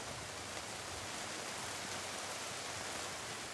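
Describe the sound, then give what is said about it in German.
Steady summer rain hisses down without a break on the day before a festival, a dense, even wash of droplets with no voices or other sounds standing out. “Mangold ist schon gewaschen, aber muss es jetzt gerade regnen?”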